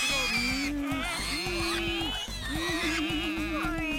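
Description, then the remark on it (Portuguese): Three people running back and forth on all fours imitate wild boar grunts: a run of low, rough, pulsing snorts in several bursts, with rising and falling voiced tones layered over the steady throaty rumble. “Logo ali, os três começaram imediatamente a correr de gatas, de um lado para o outro, imitando os grunhidos dos javalis selvagens.”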